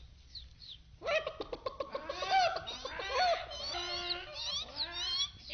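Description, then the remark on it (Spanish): A flock of chickens in a henhouse clucks and squawks in a busy, overlapping chorus that starts abruptly after a second of near quiet and continues steadily, fairly loud. “El perro corrió hasta los gallineros en el preciso momento en que el cuervo y el gavilán trataban de comerse a los pollos.”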